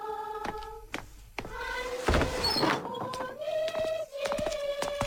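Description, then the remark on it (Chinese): A villager opens the door of their home to soldiers who have asked to be let in: a wooden latch clunks and rattles, then the hinges give out long, steady, high-pitched creaks, with a louder scraping thud partway through. No one speaks. “哎，是福不是祸，是祸躲不脱，我去开门。”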